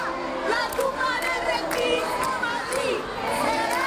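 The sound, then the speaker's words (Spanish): A large crowd boos and jeers loudly and without pause, many voices overlapping into a sustained roar with scattered shouts rising above it, as a speech at a real-estate congress ends and activists throw leaflets and stink bombs. “Entre abucheos, un grupo de activistas le lanzó panfletos y hasta bombas fétidas.”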